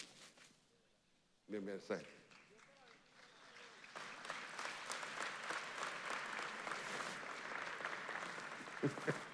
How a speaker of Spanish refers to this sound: Te están aplaudiendo a ti. Diga hola. Esa es la cuarta generación.